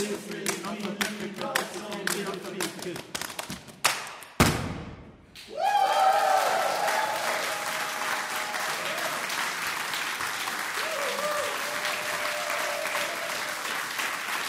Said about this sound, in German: Und das Publikum weiß es zu schätzen und belohnt es mit frenetischem Applaus.